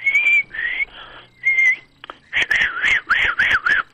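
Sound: person whistling a tune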